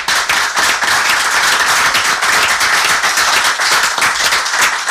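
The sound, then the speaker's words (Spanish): A crowd applauds steadily for about five seconds, a loud, dense patter of many hands clapping at once, with no voices rising above it. “No le hemos aplaudido.”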